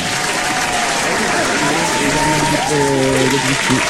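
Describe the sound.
An audience claps steadily and loudly for the full four seconds, a dense wash of hand claps with some voices calling out and cheering over it.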